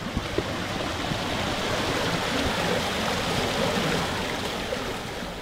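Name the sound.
flowing river water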